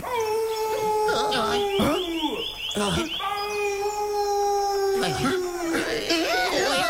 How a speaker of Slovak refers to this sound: Počuli ste to? Čo to bolo? To je vlk!